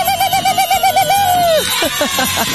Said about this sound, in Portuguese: É o sininho, né? Não tem sininho do Mano Velho, então tem o meu sininho, certo?